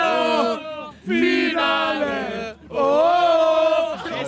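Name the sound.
crowd cheering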